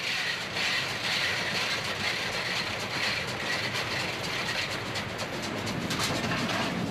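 A steam train, its locomotive owned by the association Historische Eisenbahn Frankfurt-Main, rolls steadily along the rails, a continuous rumble and hiss with faint rhythmic clatter from the wheels, loud and unbroken throughout, with no voices.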